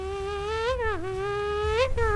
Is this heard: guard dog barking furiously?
no